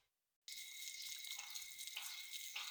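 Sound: water running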